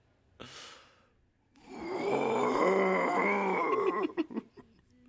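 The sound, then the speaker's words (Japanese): A person imitates a buffalo's call: a quick breathy intake, then a long, loud, droning moan with a strained, groaning tone, breaking into a few short choppy bursts at the end. “リアルなバッファローやったらいいんだよ今。”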